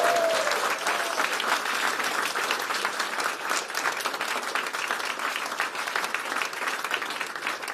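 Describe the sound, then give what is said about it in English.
Sustained applause from an audience at the launch of the big conversation on care, a dense, even wash of many hands clapping at steady loudness throughout, with no voices standing out. “Don't clap me yet.”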